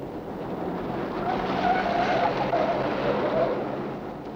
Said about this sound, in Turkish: deli gibi sürme arabayı!